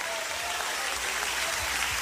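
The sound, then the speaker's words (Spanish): A steady wash of audience applause, dense overlapping clapping that stays fairly loud and even throughout, with no distinct voices standing out. “fuerte ese aplauso.”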